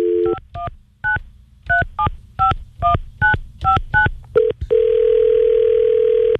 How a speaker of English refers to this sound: if you don't mind, I just need to make a phone call.